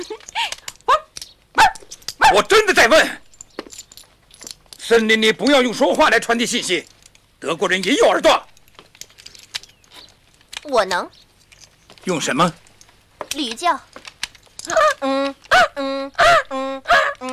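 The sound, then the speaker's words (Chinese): A person imitates a donkey's bray, offered as a way to signal in the forest, with loud, harsh, honking bursts that rise and fall, repeated several times between stretches of talking. “驴叫。这是什么呀？这里没有驴。”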